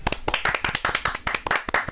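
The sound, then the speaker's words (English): Steady, fast hand clapping from a small group, fairly loud, with rapid overlapping claps continuing throughout and no voices. “We're clapping for everyone who texted in this morning.”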